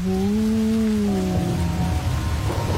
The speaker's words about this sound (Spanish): Entonces me deslizo por los túneles mientras afuera se escuchan los truenos y el agua cae.